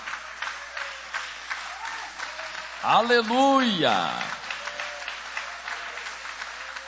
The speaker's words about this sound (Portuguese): E podem aplaudir a Deus com mais alegria.